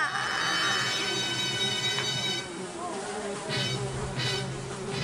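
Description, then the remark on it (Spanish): A fly buzzes with a steady, whiny hum that wavers in pitch as it moves around, while muffled voices murmur faintly underneath. “Hay una mosca, ¿eh?”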